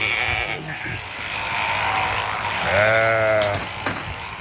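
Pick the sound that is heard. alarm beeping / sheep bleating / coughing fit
sheep bleating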